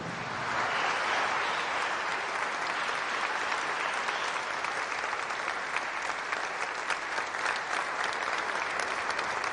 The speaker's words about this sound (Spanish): Volteen para con la comunidad, vamos a darles un fuerte aplauso.